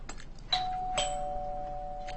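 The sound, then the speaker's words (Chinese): A doorbell chimes with two bright ding-dong tones, the second ringing on and slowly fading, clear and alone with no one talking. “我去开门。”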